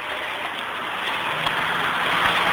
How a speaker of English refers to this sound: With traffic on one side and a hoarding on the other, so you can't get around it.